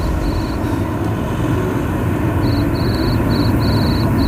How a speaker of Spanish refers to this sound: El grillo suena, lo aprecian ustedes porque ya estamos en la calle